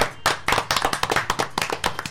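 A crowd applauds, with dense, rapid clapping from many hands at close range, steady and fairly loud throughout the short burst, with no talking over it.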